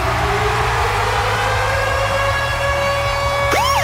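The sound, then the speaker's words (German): The Virgin Radio ticket-alarm jingle, signalling a concert-ticket giveaway: a loud siren-style alarm with steady, layered tones over a low rumbling engine, ending in a sudden upward-then-down swooping wail near the end. No voices. “Immer dann, wenn unser Virgin Radio Ticket-Alarm abgeht, dann steht an.”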